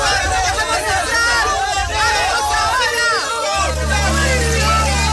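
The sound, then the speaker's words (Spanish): In a dramatization, a crowd of many voices outside Noah's ark shouts and clamors at once as the flood begins, calling to Noah to open the ark's door, in a loud, continuous din, overlapping cries rising and falling, with a steady low rumble entering midway. “Se escucha el pueblo gritando desde afuera del arca, llamando a Noé para que le abra la puerta del arca.”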